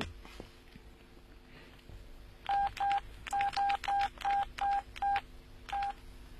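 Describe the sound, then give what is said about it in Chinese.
A run of about ten short, loud keypad tones, each a crisp two-note beep, pressed in a quick irregular sequence as someone dials a telephone to make a call, over a quiet background with faint rustle. “哎，对啊，要不我给他打电话。”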